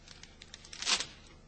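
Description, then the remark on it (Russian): A few small crinkling ticks lead into one quick ripping sound as a paper packet is torn open, with no voices. “Порвите-ка мне еще один или два пакета, быстро.”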